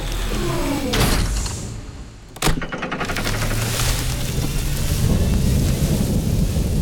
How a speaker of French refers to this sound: Et voilà l'orage. Oh non, je déteste ça.